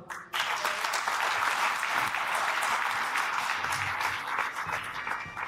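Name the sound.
applause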